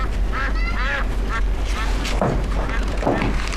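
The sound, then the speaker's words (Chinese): Two ducks quack repeatedly, a rapid string of nasal honking calls over a steady low rumble of background noise, with no talking. “妈，鸭子窝收拾完了啊，那味儿老大了，这俩家伙能吃能拉的。”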